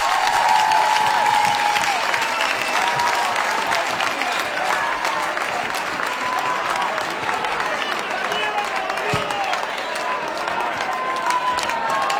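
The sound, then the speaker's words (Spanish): Loud, sustained audience applause fills the whole stretch, a dense steady wash of many hands clapping with some cheering voices mixed in. “aplauso fuerte. Muchas gracias.”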